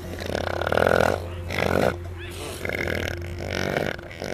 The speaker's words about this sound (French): Bon alors, ça c'était des rots d'éléphants de mer.